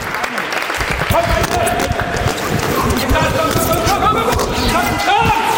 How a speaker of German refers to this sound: Der Applaus übrigens im Hintergrund, das sind die ganzen Polizeischüler. Die haben mich angefeuert.